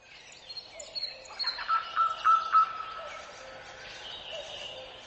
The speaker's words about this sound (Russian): В Каменке поет соловьи, спелые яблоки падают в траву, мягко шлепаясь, точно легкий бубен вторит птичьим трелям, окно открыто в сад.